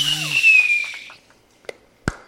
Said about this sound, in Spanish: Ay, estoy esperando los cohetes artificiales. Nunca aparecieron.